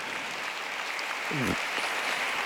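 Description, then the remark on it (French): A large crowd of Italian-speaking pilgrims applauds in a steady, dense wash of clapping, with a brief voice rising out of the noise partway through. “J'adresse un accueil chaleureux aux pèlerins de langue italienne qui applaudissent.”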